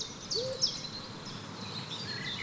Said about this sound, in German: Von dem Jammern geweckte Eule, die in der nächsten Eiche hauste, rief heraus: Ey Schlange, was los? Warum störst du mich bei mir im Schlaf?